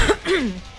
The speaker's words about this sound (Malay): Batuk …. Biasa je.